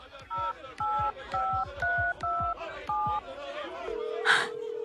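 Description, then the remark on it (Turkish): Seven crisp touch-tone beeps of a phone number being dialed, evenly spaced and fairly loud, each a short two-pitch tone, followed by a steady ringing tone and a faint breathy sound. “Dur, dur Nermin'i arayayım. Nermin Hanım'ı arayayım.”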